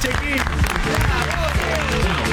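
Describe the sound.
An audience claps steadily for a man in the audience in a dense, continuous burst of applause, with shouting and cheering voices rising over the clapping throughout.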